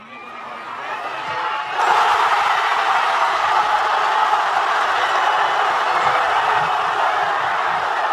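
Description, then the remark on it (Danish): A crowd of fans in Madrid murmurs, then at about two seconds erupts into a loud, sustained roar of cheering and shouting as striker Ferran Torres puts Spain ahead in extra time, holding steady and dense through the end. “Jeg vil ikke snyde jer for lige at høre, hvordan det lød, da angriber Ferran Torres i forlænget spilletid bankede Spanien foran.”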